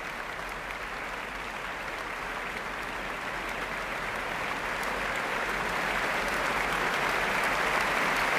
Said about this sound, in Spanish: Más aplausos para la concertino de la Orquesta Nacional de España, Valerie Steinkamp, que sale de nuevo a saludarla.